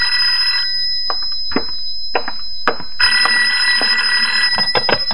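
A telephone rings with a bright, trilling electronic tone in two sustained bursts, separated by a short gap broken by faint clicks and knocks, with no one speaking.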